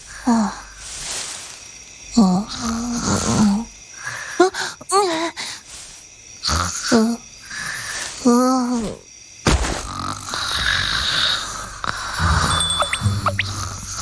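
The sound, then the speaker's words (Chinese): A sleeper snores loudly and rhythmically, several drawn-out voiced snores with whistling rises; after a few seconds the snoring gives way to quieter rustling night ambience. “这都能睡着？”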